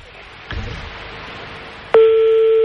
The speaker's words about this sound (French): On est en train de composer le numéro de téléphone de peut-être Sabrina.